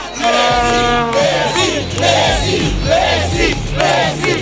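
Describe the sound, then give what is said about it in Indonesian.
Hundreds of fans crowd the streets at the Obelix Monument in central Buenos Aires, Argentina, singing a birthday song in unison as a tribute to Lionel Messi. Voices rise and fall in a steady rhythmic pattern, loud and continuous, with scattered shouts and cheers mixed in. “Mereka berkumpul di Monumen Obelix untuk menyanyikan lagu ulang tahun dan memberikan penghormatan kepada Lionel Messi yang kini tengah berjuang di Piala Dunia.”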